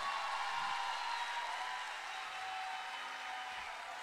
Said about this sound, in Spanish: Este es el aplauso de su gente